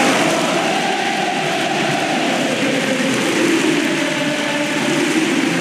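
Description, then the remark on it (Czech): A large crowd of tennis fans in Rome roars and cheers Jannik Sinner's tournament victory in a dense, unbroken wall of noise, holding a steady loud level throughout with no clear individual voices standing out. “Takto bouřlivě slavili fanoušci Sinnerův triumf v Římě.”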